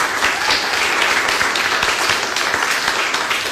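A crowd applauds a student guest who competed in the State Mathematics Olympiad, a dense wash of many hands clapping at once with no pauses, sustained and fairly loud throughout with no talking over it.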